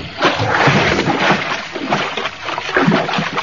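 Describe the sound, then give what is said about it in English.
Loud splashing of a person plunging into water near sharks off a wharf, followed by continuous churning and sloshing as the water keeps surging for several seconds, with no voices. “I'm going in after him.”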